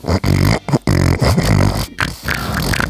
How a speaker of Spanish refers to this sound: A ver, eso del cerdo que dices, el sonido del cerdo, que es más o menos esto.